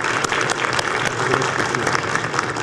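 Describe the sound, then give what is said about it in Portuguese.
An audience applauds Senator Nelsinho steadily, a dense, sustained patter of many hands clapping at a fairly loud, even level throughout, with no voices rising above it. “A presença aqui do jovem no campo das ideias, e também, porque ele é médico, se cuida muito, o senador Nelsinho, que eu peço uma salva de palmas a ele em nome de todos os senadores que estão aqui.”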